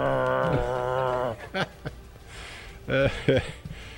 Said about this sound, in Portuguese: Não, o cachorro chegou perto de mim e começou a rosnar pra mim.